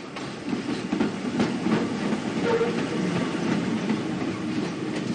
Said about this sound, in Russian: Метро, автобус.